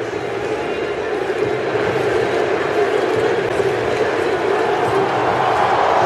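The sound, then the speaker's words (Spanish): A huge stadium crowd of Moroccan fans at a football match roars and cheers in a dense, continuous wall of noise, loud and steady for the whole stretch with no break. “Explosión de júbilo.”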